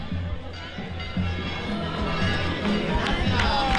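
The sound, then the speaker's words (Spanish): A group of pilgrims of the Las Palmas de Gran Canaria brotherhood sings together outdoors amid a busy crowd on the pilgrimage way, their sustained voices steady and moderately loud over shuffling, footsteps and general bustle. “Venga, y están cantando los romeros de la hermandad de Las Palmas de Gran Canaria.”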